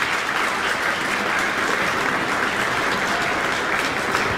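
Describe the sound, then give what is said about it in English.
Sustained applause from an audience for a violinist and a pianist after their performance of Deep River, a dense, steady wash of clapping that holds at an even loudness for several seconds with no voices standing out. “And an audience applauding violinist … with pianist ….”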